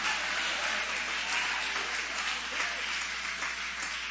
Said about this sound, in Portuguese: Pode aplaudir, pode louvar, pode exaltar. Aleluia.